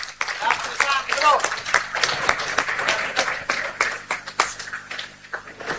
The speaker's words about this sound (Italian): Abbiamo visto dunque anche l'applauso da parte dei tanti fedeli che sono qui allo stadio, quando hanno detto siamo tornati allo stadio di Via Regina di Macerata dopo 2 anni, è grande accoglienza, il saluto, il buon cammino dedicato dal sindaco.